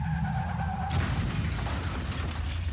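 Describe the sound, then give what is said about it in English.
A car's tires screech in a high, wavering squeal for about a second, then a loud, deadly crash erupts into a sustained, rumbling clatter of impact and debris. No one speaks. “Janleva khatarnak hadse li sidde jao.”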